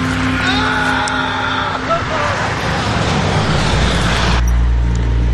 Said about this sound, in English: After that, he lets out this, like, wail, like he's crying.